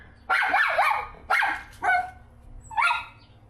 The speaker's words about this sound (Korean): 이거 짖고 있는 거예요? 네. 보호자는 찾는 거예요, 지금? 그래요. 저렇게 짖으면은 옆에 있는 로이도 또 스트레스 받을 것 같아서.